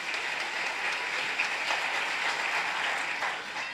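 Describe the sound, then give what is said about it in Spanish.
Steady, dense applause from a crowd applauding for the Lord, many hands clapping together in a continuous crackling wash that holds for the whole stretch, with no voices standing out. “A ver, vamos a dar un fuerte aplauso para el Señor.”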